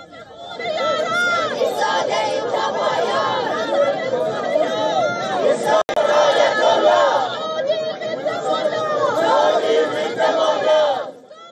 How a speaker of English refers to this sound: Ahead of the match, Iran faced protests. Once again, members of Los Angeles' large Persian exile community gathered outside the stadium to protest against Iran's hardline government.